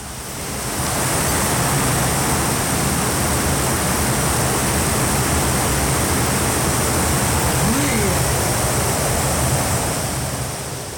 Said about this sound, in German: Starker Regen auf der Halbinsel Barra.